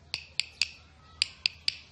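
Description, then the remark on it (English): Six crisp, bright taps of a stick on a guiro, in two even groups of three with a short pause between. Each hit is sharp and clicky with a brief ring, and no one speaks. “Or by tapping it with a stick.”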